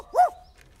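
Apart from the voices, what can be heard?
dog barking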